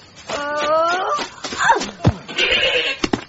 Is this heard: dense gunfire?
no